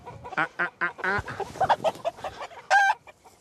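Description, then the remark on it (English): A group of hens clucks in short, repeated bursts at a hen house, with a louder drawn-out squawk near the end and overlapping calls throughout. “Or they were over at the hen house, giving it the full Roger Moore.”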